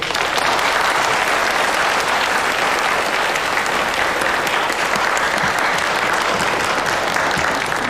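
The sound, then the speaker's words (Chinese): An audience at a Mid-Autumn Festival gathering applauds steadily to welcome the next act, a poetry recitation, for the full length: a dense, even wash of clapping hands at a constant loud level with no talking over it. “掌声有请。”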